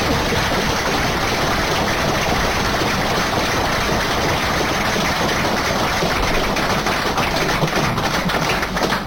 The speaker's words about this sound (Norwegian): Så en stor applaus for det, for det kjempegivet.